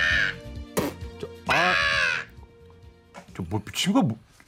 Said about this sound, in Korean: 아, 놓쳤습니다. 전봇대 위에 앉은 까마귀는 저를 멀리서 내려다보면서 침을 뱉듯이 조롱하며 울더군요.